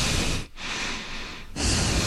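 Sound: voice imitating heavy breathing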